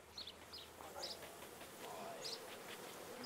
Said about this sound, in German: Ebenfalls eine Mutprobe, an einem Bienenstock mit 20.000 Bienen herantreten.